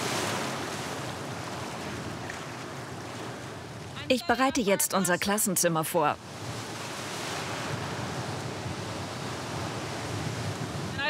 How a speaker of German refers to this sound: Ich sehe keine gefährlichen Unterströmungen. Es gibt nur viele Wellen. Aber ist schon okay.